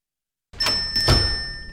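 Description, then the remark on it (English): After a moment of silence, a door opens into a bank with two soft thuds of movement, while a thin, steady high-pitched tone hangs throughout. “The door was open. I did not break into the bank.”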